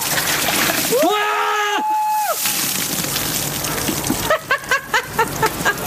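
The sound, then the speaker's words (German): A bucket of ice water is dumped over someone's head in a loud, splashing rush during the 2014 Ice Bucket Challenge, met with a long startled yell and followed by a burst of excited shrieks and shouting. “Ja, können Sie sich erinnern, die Ice Bucket Challenge, wo man sich gegenseitig Kübel mit eiskaltem Wasser über den Kopf geschüttet hat, war eigentlich ein Spaß”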